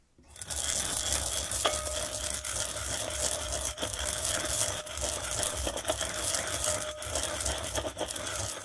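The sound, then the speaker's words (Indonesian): Steady, gritty scraping and grinding as two tablespoons of toasted white sesame seeds are ground with a pestle in a cobek mortar to make a sesame dressing for asparagus, with occasional small clicks, continuous for several seconds and no voices. “Masukkan 2 sendok makan biji wijen putih sangrai di dalam cobek atau lumpang dan haluskan menggunakan pengulek.”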